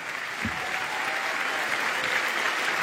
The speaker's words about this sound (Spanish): Damos un aplauso grande al Señor